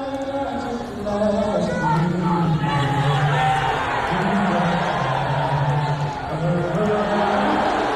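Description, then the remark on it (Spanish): A huge crowd at Madison Square Garden in New York fills the air with a dense, continuous roar, low sustained voices rising and falling together like mass booing over the national anthem played minutes before the start of the game, loud and unbroken throughout. “se ha disputado en el Madison Square Garden de Nueva York, ciudad mayoritariamente demócrata, y eso se ha notado en el ambiente, sobre todo cuando ha sonado el himno minutos antes del inicio del encuentro.”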